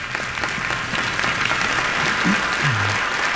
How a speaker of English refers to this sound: When we go ahead and clap, that's okay.